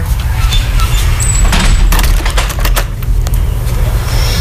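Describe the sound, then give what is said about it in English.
A door creaks and squeaks with thin, high-pitched whines and woody knocks, all over a steady low rumble that fills the background. “And back to our squeaky door.”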